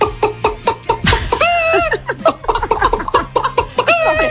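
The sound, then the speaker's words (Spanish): A person imitates a clucking hen as part of a farm-animal imitation repertoire, with rapid, choppy vocal clucks and a few drawn-out squawking calls, fairly loud. “A ver, esto no es una imitación, es digamos un repertorio de granja de 5 estrellas. Mira, empezamos por la gallina.”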